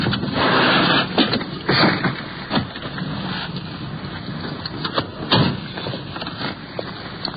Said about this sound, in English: The radio car is pulling up. We're sliding in behind.